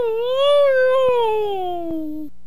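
A husky lets out one long, loud, drawn-out whine that rises slightly, then slowly slides lower in pitch before cutting off, with no one talking over it.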